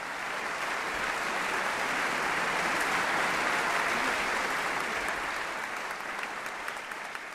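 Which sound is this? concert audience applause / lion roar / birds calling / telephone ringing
concert audience applause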